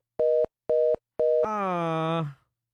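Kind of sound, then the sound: signal or alarm, phone line tone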